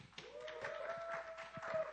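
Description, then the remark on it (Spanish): A crowd applauds steadily throughout, a dense patter of many hands clapping at moderate volume, with a thin sustained whistle-like tone running underneath. “Fuerte ese aplauso.”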